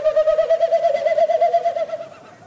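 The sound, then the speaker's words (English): A tiny bird about the size of a robin calls overhead at dusk, a hollow, rapidly pulsing tone holding one steady pitch for about two seconds before fading out, with no voices. “It's going on over your head, so it's really hard to pinpoint where the bird is.”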